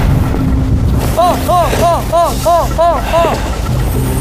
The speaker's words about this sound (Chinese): 哇，这风！ 哇，风真大！ 这风，我十级大风啊！